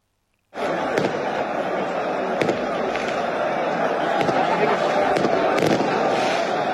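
Firecrackers set off by celebrating Arsenal football fans around the Emirates pop in a steady, irregular string of sharp cracks over a dense, continuous roar of crowd noise, loud throughout.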